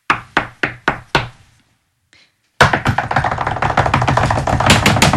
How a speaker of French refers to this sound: Elle toqua à la porte frénétiquement.